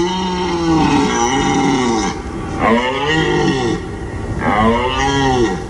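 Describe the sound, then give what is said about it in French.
A red deer stag bellows three times in a row during the rut, each call a long, deep, raspy roar rising and falling, loud, with short pauses between and no other sounds. “Nous sommes à la mi-septembre, la période idéale pour écouter le brame du cerf.”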